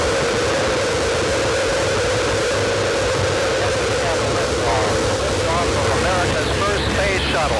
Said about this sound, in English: NASA engineers counted 748 different ways in which the two astronauts on the maiden voyage of the space shuttle Columbia could die. Main engine start. We have main engine start.